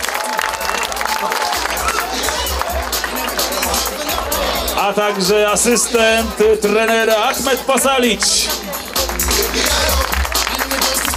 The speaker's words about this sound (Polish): Filip zbiera jak zawsze zasłużone brawa